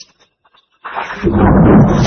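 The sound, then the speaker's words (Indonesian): A thunderclap caused by lightning breaks in after a moment of near silence, swelling quickly into a loud, deep, continuous rumble that keeps building to the end. “Guntur atau disebut juga guru adalah suara menggelegar di langit karena petir.”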